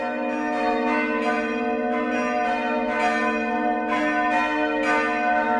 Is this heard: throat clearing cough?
no